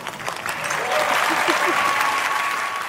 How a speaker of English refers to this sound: A lot of people in the audience felt the need to cheer her on, but other people in the audience gave a weird look.